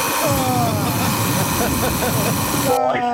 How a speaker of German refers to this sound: Oh. Das war hart. Ja, aber so klingt doch dein Wecker, oder nicht? Eher so wie der erste. Ich glaube, beim zweiten, da wäre der schon mehrmals aus dem Fenster geflogen.